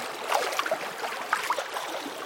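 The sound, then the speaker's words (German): Soft, steady water sloshing and lapping, with small gurgles and trickles breaking through now and then, as if gentle waves were washing over pebbles on a shoreline. “Vielleicht am See, vielleicht schwappt auch das Meer so ganz sachte an einen Kieselstrand.”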